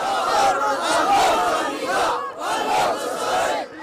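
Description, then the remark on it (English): A massive crowd chants together in loud, rhythmic bursts, thousands of voices rising and falling in unison, then briefly dipping before surging into the next shouted refrain. Tens of thousands rally in Sana'a, Yemen, in support of the Ansarullah Houthis, raising weapons and celebrating the group's advance along the Red Sea coast. “Crowds chanted and raised weapons, celebrating the group's advance along the country's Red Sea coast.”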